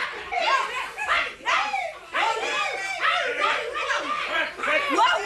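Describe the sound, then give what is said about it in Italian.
A crowd of children shouting and screaming at once, a loud, continuous jumble of high-pitched overlapping cries that rise and fall in waves, filling the whole stretch. “Sentiteli come urlano!”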